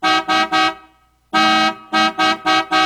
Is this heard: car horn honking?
yes